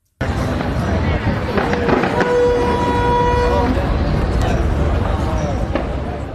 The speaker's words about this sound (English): Flames can actually be seen right there erupting on the bridge, along with the sound of explosions being heard.